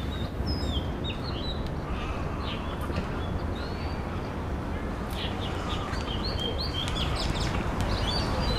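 A brown-headed thrush calls amid a busy chorus of high chirps and tweets from several birds, scattered throughout over a steady, rumbling outdoor background.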